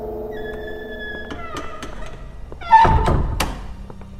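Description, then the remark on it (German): A door swings and shuts with a single solid thunk, preceded by a faint drawn-out creak and followed by a brief rattle. No one speaks. “Schließ die Tür.”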